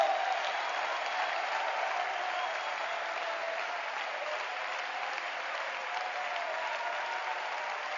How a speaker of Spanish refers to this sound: ese aplauso.